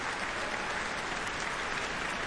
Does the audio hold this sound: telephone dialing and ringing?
no